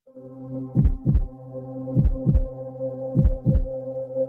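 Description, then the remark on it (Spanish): A deep heartbeat thumps in three lub-dub pairs at a steady, slow rhythm over a sustained low electronic hum, with no voices present. It introduces the 'El pulso de Hoy por Hoy' segment of the radio show Hoy por Hoy. “El pulso de Hoy por Hoy.”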